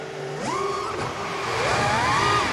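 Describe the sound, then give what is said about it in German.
An FPV drone whirs with a steady, buzzing motor whine whose pitch climbs, holds, dips and rises again as the throttle changes. It is loud and continuous, with no voices. “und zwar machte ich Content und da gab es so ganz günstige hier FPV-Drohnen, die wollte ich mir mal holen, bin dann mit meiner Tochter raus aufs Feld, habe die getestet und da dann zum ersten Mal dieses Surren gehört.”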